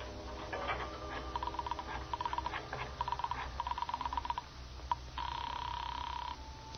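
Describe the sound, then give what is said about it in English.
A telephone in a hall being dialed, a quick series of clicking tones, followed by a steady ringing tone on the line, clear with no talking. “I got up, went to the phone I'd seen in the hall.”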